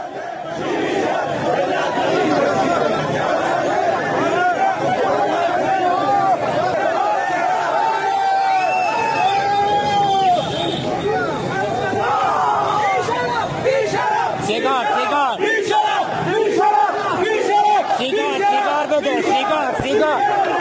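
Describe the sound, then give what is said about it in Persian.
A dense, agitated crowd of many voices shouting and yelling over one another, with chaotic bursts of cries and babble throughout, steady and loud for the whole stretch: drivers from Tabriz protesting in Tehran for a second day in a row, clashing with police who fired tear gas. “رانندگان غارت شده تبریزی برای دومین روز متوالی در تهران تظاهرات کردند.”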